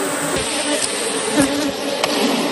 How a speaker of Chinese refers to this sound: 哦，你看，你看，好多蜂蜜，还没飞走呢。 蜂窝排列有序，密密麻麻的蜜蜂附着在橙黄的蜂巢表面，似乎在护卫他们的家园。